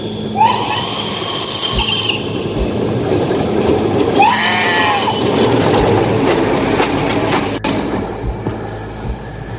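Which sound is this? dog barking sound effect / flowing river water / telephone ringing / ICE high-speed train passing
ICE high-speed train passing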